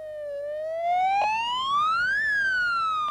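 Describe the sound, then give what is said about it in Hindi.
A police vehicle's siren wails alone during a protest procession on a hot summer afternoon, its harmonic-rich tone sliding slowly upward to a peak and then beginning to fall, loud and steady throughout with no voices. “Police की गाड़ियों के हुटर रुक रुक कर बज रहे हैं।”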